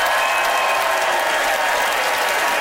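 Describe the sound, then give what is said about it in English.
A studio audience in London bursts into steady, loud applause, voting by applause for the argument in favour of buying on Facebook Marketplace: a dense wash of many hands clapping at once that holds evenly throughout without any voices. “By applause, how many of you agree with Graham that using Facebook Marketplace will leave you in excellent condition?”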